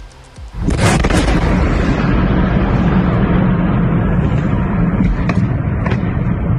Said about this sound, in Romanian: Ținta dronelor și rachetelor rusești a fost un depozit de armament al armatei. Exploziile au fost urmate de un incendiu uriaș care s-a extins rapid la casele din jur.